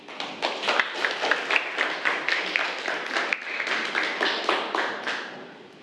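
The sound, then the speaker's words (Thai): A crowd applauds steadily for several seconds after the host asks for a round of applause for a participant, a dense patter of many hands clapping at an even level before it tapers off at the end. “ค่ะขอเสียงปรบมือให้กับพัทรวดีด้วยค่ะ”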